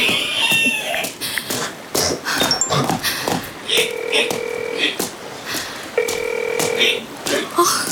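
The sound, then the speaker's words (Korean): A phone call rings out without being answered, placed by someone while walking: two long, steady electronic ring tones with a pause between them, heard over a busy, clattering background with faint voices. “전화를 왜 안 받아.”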